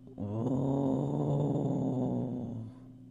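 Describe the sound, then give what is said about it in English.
A low, sustained gurgling rumble of Raven's growling stomach, hungry after not eating for days, steady and fairly loud for about two and a half seconds before fading, with no voices. “He could hear his stomach growling.”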